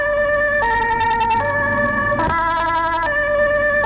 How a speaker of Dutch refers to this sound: Een ambulance in de achteruitkijkspiegel.